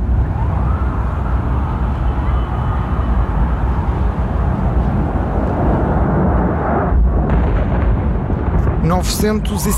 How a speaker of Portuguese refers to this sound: A esta hora, o voo 175 da United Airlines, vindo de Boston e com 65 pessoas a bordo, acaba de chocar com a Torre Sul do World Trade Center.